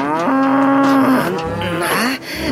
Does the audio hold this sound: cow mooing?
yes